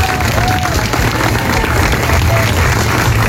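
At a Peruvian film presentation, a crowd applauds the filmmakers' grandmother steadily and loudly, dense clapping filling the whole stretch with a few faint whistle-like tones and murmuring voices underneath.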